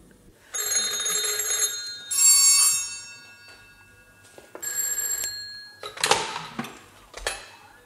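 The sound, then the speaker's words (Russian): Old-fashioned bells of three telephones ring loud in several bursts, some long and some short, with different rings overlapping as more than one phone sounds at once. No one speaks. “Снова о трех телефонах и радио.”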